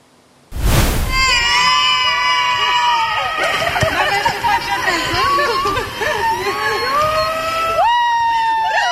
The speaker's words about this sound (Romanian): Alina Șerban a fost așteptată pe aeroportul Henri Coandă cu flori și urlete de bucurie de câțiva dintre actorii care fac parte din distribuția filmului Eu contez.